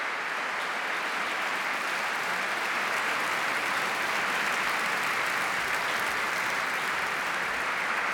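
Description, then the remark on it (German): A large audience applauds steadily, a dense, even, reverberant wash of many hands clapping without pause, in the Konzertkirche Neubrandenburg, celebrating a string quartet and orchestra on stage after Louis Spohr's Concerto in A minor for String Quartet and Orchestra at the Festspiele Mecklenburg-Vorpommern. “Und jetzt sind natürlich alle vier und das Orchester auf der Bühne und lassen sich vom Publikum feiern.”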